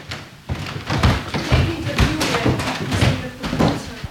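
Steady footsteps thud up the wooden stairs of a very old house at an even pace, each step landing heavily with faint creaks and groans from the old treads.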